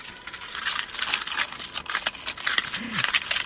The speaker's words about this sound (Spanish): Bueno, pues al menos hay 24 personas que podrán agitar sus llaves al aire.